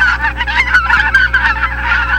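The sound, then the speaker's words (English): A flock of geese honking repeatedly outdoors on a golf course, a steady, overlapping chorus of nasal calls at moderate volume with no pauses and no people speaking. “Is it geese? It is. On the golf course over at Muni.”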